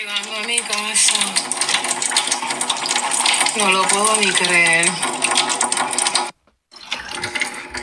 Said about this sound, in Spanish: Y hizo este comentario y se escucha el chorro. Me acaba de llegar el agua, llegando a mi casa. No lo puedo ni creer. Me acaba de llegar el agua. Ustedes oyen el chorro.